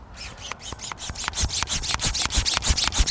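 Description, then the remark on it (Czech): A hand pump sucks water under pressure through a filter for environmental DNA. The pump is a bicycle-type pump originally used to draw oil out of engines. It is worked in quick, steady strokes, each a short hissing, rasping suck, about five per second and growing gradually louder, with no voices. “Tak a teď budeme teda pod tlakem sát tu vodu přes ten filtr.”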